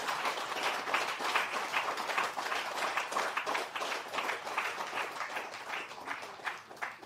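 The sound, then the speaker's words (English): A crowd applauds in honour of the men and women of Uganda, in a sustained, dense round of clapping that holds steady at a fairly loud level for several seconds, with no one speaking over it. “Today, I ask you to correct that injustice and ingratitude by giving a huge round of applause to our men and women in Uganda.”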